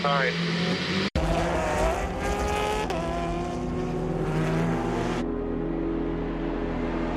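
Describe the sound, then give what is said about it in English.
A race car engine screams and shifts over a steady wash of spray hiss as the car aquaplanes on a wet track in the rain during a race, with a brief cutout early on and the roar easing toward the end. “Sorry, guys, I go aquaplaning.”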